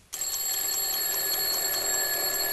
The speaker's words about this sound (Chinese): 我上了。哎，可是妈，你说会不会一个闹钟不行啊，万一不响怎么办呀？ 那妈明天再给你再买一个闹钟去。